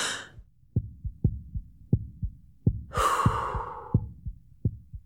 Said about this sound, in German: Machen Sie bitte den Oberkörper frei. Ich muss Ihr Herz einmal abhören. So, jetzt bitte einmal tief einatmen und wieder ausatmen und wieder einatmen.